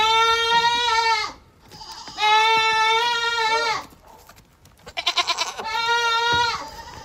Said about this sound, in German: wollen wir mal das große Gemecker von Resi hören? Oder eher das große Geschrei?